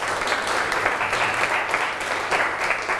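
A group of children applauds together, a dense steady patter of many hands clapping at even loudness for about three seconds, with no voices over it.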